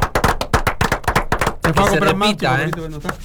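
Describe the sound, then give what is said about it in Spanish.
A quick burst of sharp, rhythmic hand claps for about a second and a half, then voices take over, speaking and calling out with a rising, animated tone. “Volve, otro aplauso más.”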